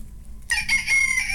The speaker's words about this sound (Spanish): Aquí está el gallo.